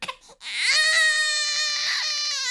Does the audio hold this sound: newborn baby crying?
yes